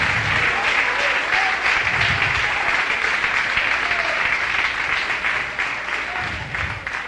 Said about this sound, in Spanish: Como que no está muy, muy alegre, con mucha libertad ese aplauso, pero bendito sea Dios.